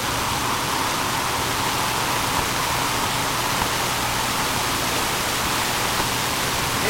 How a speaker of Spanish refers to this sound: En este momento ya es un aguacero, considerado un aguacero, aquí en la región cerca de Papaloapan, norte del estado de Oaxaca. Vemos cómo pues se registra esta lluvia.